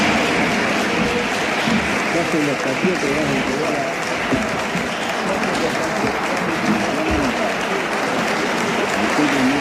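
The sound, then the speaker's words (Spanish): Sustained applause in the Senate chamber as the quorum was reached and the session began, given for Scaloni and Messi; a dense, steady wash of clapping at even loudness, with faint voices mixed underneath. “Por eso quiero compartirles el aplauso que se dio cuando se juntó el quórum y arrancaba la sesión de esta manera, con un aplauso para Scaloni y Messi.”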